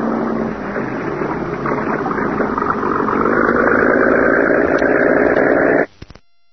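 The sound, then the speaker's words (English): A cabin cruiser's motorboat engine, as the boat is backed out from a boathouse into clear water, drones in a steady, dense rumble that swells slightly louder partway through, then cuts off abruptly just before the end. No voices. “And within a few minutes, the boat was backed out into clear water.”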